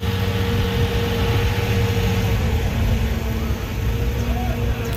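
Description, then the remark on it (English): A heavy municipal water truck engine runs steadily in Prague while the truck sprays down city streets and sidewalks, a low, droning rumble with a constant hum that holds at an even loudness for the whole five seconds. “In Prague, municipal water trucks are out in full force, spraying down city streets and sidewalks to keep pedestrians cool.”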